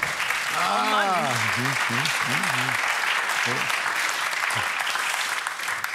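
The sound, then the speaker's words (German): A group of people claps steadily for several seconds, a dense, even patter of applause, while a voice lets out a drawn-out exclamation over it near the start. “Nur die Schadenfreude der anderen, die zu Applaus führt.”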